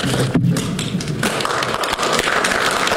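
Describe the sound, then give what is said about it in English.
An audience at a meeting claps steadily for a speaker for about three seconds, a dense, even wash of many hands with sharp, crackling slaps and no voices over it. “We can't have applause. We'll have to suspend, so, okay, I need no more applause.”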